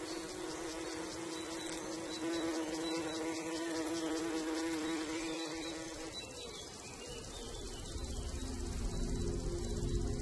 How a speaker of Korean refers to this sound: 이곳엔 여왕 기형벌이 이사왔죠. 여왕이 내려앉자 다른 벌들이 부지런히 여왕을 보살핍니다.